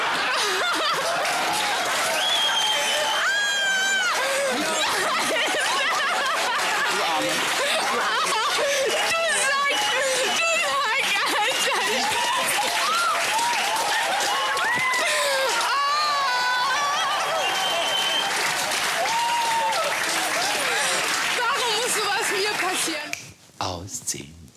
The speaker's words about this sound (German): Ich möchte noch mal einen riesengroßen Applaus Milka.